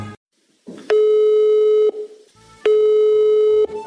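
A telephone ringback tone sounds twice on an outgoing call, each steady electronic buzz lasting about a second with a pause between, loud with no one talking.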